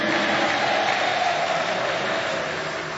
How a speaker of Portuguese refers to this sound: isso, pode aplaudir ao Senhor, diga glória a Deus aí.